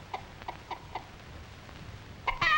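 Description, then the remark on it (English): An old hen clucks softly in a short, steady series of four clucks, then lets out a louder, higher-pitched squawk at the very end. No one speaks. “The old hen does not scare the last little kitten.”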